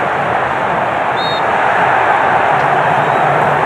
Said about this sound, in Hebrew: כדור נעצר, יש שריקה של השופט האמריקני. אלפת. רגע, אפשר לשמוע את המחאות של הצופים שם באצטדיון.